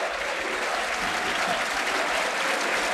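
A stadium crowd of Partizan fans cheers and applauds in a steady, dense roar of clapping and voices that holds at an even, loud level throughout, with no single voice standing out, in the 73rd minute with Partizan leading 3-0, after light rain.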